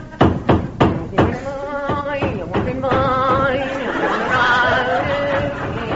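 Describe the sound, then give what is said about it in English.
While a tent is being put up, a hammer bangs tent pegs into the ground with five sharp, evenly spaced thuds, then the hammering stops and overlapping voices take over, chattering and laughing. “Now, where's me hammer? I'll start banging the pegs in.”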